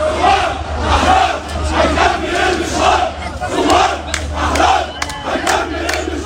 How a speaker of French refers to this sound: Le slogan bien connu appelant à la chute du régime résonne encore dans les rues de Beyrouth.